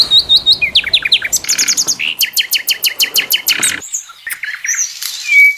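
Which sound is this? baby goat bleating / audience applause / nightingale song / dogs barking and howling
nightingale song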